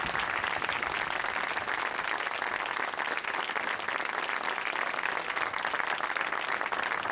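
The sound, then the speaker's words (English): An audience applauds steadily, a dense, even wash of many hands clapping at full volume for several seconds with no voices breaking through, at a Christian ministry gathering, honoring the writer of a song, Chuck Fulmer. “Let's give a round of applause to Jesus using Chuck.”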